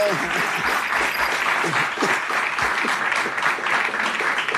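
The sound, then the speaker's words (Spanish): Sustained crowd applause for two athletes, national medal winners, fills the whole stretch, a dense steady patter of many hands clapping at an even loudness, with faint voices calling out underneath. “Aquí queremos que les den un aplauso.”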